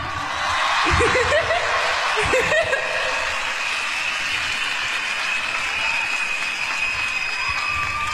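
A crowd at a live performance applauds steadily for several seconds after being asked to clap again following a dance number, dense clapping filling the whole stretch, with some cheering and laughter mixed in near the start.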